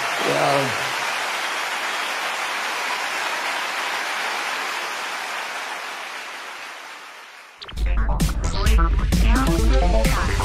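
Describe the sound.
A steady, dense wash of applause from a crowd, given to God for his word and his love, lasts about seven seconds, then cuts off as loud music with voices begins.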